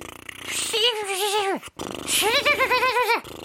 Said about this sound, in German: Also die Lippen mal locker lassen. Und dann mit den Händen noch an den Backen so wackeln, damit es noch locker. Und dann die Luft so durchrollen, so pusten.